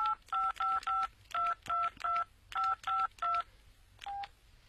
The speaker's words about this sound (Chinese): 那，用你的手机打他的手机。